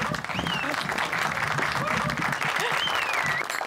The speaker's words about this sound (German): Applaus!